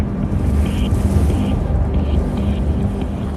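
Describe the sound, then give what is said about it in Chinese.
Strong wind roars steadily across the microphone at the top of a main tower, more than 800 metres above the river in a gorge, a loud, continuous low rumble with gusty buffeting and no pauses throughout. “当我踏出舱门，耳边只有呼啸的风声。”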